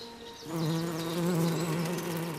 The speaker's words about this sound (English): But soon, the new queens will head out on their own. If just one of them survives, the succession will be secured. And a new generation of bees